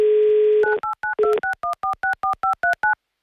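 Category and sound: signal or alarm, telephone dialing tones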